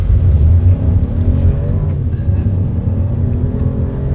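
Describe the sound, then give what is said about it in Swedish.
A car engine rumbles and revs steadily as the car is driven by young people with visual impairment, together with a driving instructor, on Bulltoftabanan in Malmö. A low continuous growl with slight rises in pitch, no voices present. “Där fick unga med synnedsättning testa att köra bil tillsammans med en trafiklärare.”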